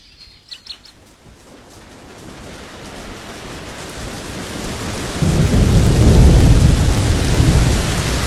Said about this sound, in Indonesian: Hujan turun terus-menerus beberapa hari.